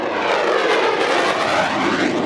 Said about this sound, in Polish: Dla mieszkańców Poznania dźwięk silnika samolotu F-16 nie jest żadnym zaskoczeniem. Maszyny startujące z Krzesin słychać nad miastem od 20 lat.